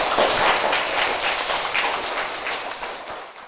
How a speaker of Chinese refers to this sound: 水资源啊，我觉得你的这个想法应该值得大家一个掌声啊，请坐。